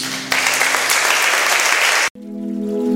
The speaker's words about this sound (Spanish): Con un aplauso, Jesús.